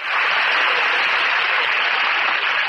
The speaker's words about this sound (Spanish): Es emocionante. ¡Qué aplauso! Como que son la vida del artista.